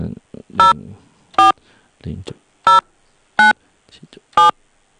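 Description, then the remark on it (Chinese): Five evenly spaced telephone keypad tones, each a short bright dual-pitched beep, punctuate a stretch of quiet murmuring and brief low speech sounds as a mobile phone number bound to WeChat is keyed in during a call to the WeChat Pay customer service hotline. “然后就输入咱们的手机号。您是138这个手机号，就输入138这个手机号。”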